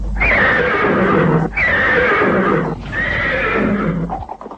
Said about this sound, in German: Dieses fröhliche Wiehern war zunächst eine ganze Woche lang täglich zu hören und kündigte kurze, nicht mehr als 5 Minuten lange Sendungen an.